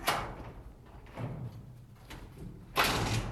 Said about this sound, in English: To make the changeover, we bend the track open temporarily and slip out each wheel.